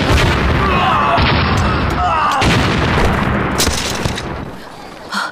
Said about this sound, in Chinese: 爆炸了